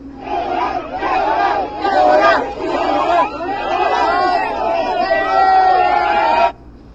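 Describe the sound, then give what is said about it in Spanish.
A large crowd of Mexican football fans at the World Cup shouts a famous, viral chant together, a loud, sustained roar of many voices rising and falling for several seconds before cutting off abruptly. “Y bueno, ya han pasado 11 días que inició el Mundial y la fiesta mexicana ya ha dado vuelta al mundo, así como un grito que ya se hizo muy famoso y muy viral.”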